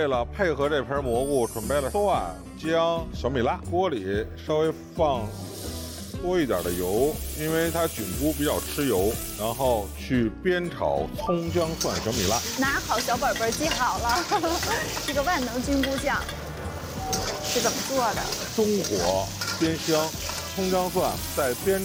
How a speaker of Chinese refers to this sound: 为了配合这盆蘑菇，准备了蒜、姜、小米辣。锅里稍微放多一点的油，因为它菌菇比较吃油，然后去煸炒葱姜蒜小米辣。